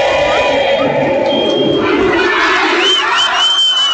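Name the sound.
stadium football fans chanting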